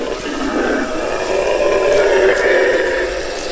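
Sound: howler monkeys calling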